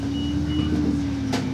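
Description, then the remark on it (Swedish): A city bus in Dunkerque rumbles with a steady low engine hum and drone, then a brief sharp hiss of air near the end as it pulls in at a stop at the main square. “Jag stiger av bussen vid Dunkerques stora torg.”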